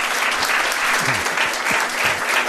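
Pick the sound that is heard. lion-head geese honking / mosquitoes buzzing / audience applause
audience applause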